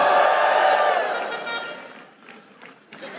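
A crowd answering a pastor's call lets out a loud, sustained joyful shout to the Lord that swells at first, then fades over a couple of seconds into scattered voices and a few claps.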